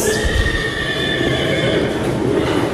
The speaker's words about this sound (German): Dann ist die Stimme von dem Pferd zu hören.